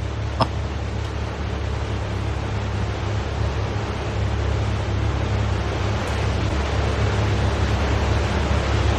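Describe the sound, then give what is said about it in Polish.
A steady, low engine drone blends with a continuous wash of water, like a boat moving through waves. The rumble holds an even loudness throughout, with no voices. “To jest łódź, która się pobiera chyba?”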